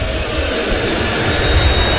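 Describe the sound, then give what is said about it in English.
A dense, steady roar from a large stadium crowd of Rider Nation fans at a football game, loud and unbroken for the whole two seconds, with no individual voices standing out. “Rider Nation getting loud.”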